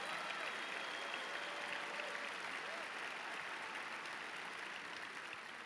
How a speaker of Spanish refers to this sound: yo creo que tú le puedes dar un mejor aplauso a Jesús